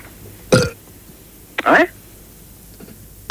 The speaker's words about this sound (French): Ce sont des rots qu'on entend. Oui, absolument. Bah, on entend quelqu'un qui rote, alors